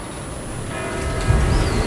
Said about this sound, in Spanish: Son las 8. Mira, escucha las campanas.